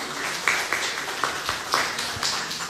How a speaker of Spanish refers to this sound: ¡Un aplauso!